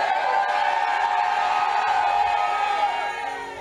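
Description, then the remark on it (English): An audience at a morning sermon shouts and cheers together in a sustained, loud roar, with whoops rising above the mass before it eases slightly at the end. “Listen, any form of wall stopping you to possess your possession, if I hear your shout this morning, that wall is collapsing.”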